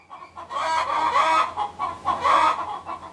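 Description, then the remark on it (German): Chickens cluck steadily in a henyard enclosure as the rooster gathers his flock of hens to lead them toward the coop, several birds overlapping in a busy, continuous murmur of clucks and squawks, with a faint low hum underneath. “Als die Abenteurer das Gehege erreichten, war der König des Hühnerhofs gerade damit beschäftigt, seine Hühnerschar um sich zu sammeln, um sie Richtung Stall zu führen.”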